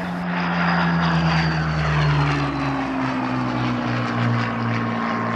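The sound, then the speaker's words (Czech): A World War-era propeller fighter plane's piston engine drones steadily and loudly, with strong low harmonic tones that slowly shift in pitch as the engine runs, no voices present. “Tak nastupování a vystupování do stíhacích letounů ze světové války je samo o sobě dost komplikovaná záležitost, ale vycházíme z toho, že to byli kluci, kterým bylo kolem 20 let.”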